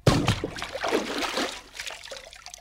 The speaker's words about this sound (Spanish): Pronto, pronto, quítate tu ropa y arrójate de cabeza al río. ¿Al agua? Pero... ¡Pronto, pronto, que se acercan! ¡Ahí voy!